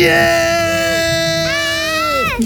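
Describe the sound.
Loud, sustained joyful screaming and cheering from voices at a funfair party, a long high yell held for a couple of seconds with a brief pitch jump midway, unbroken before cutting off.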